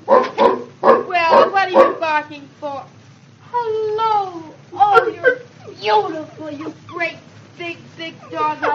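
A Great Dane gives a run of short barks, then drawn-out whining whimpers with sliding pitch, followed by more yelps and whines, fairly loud.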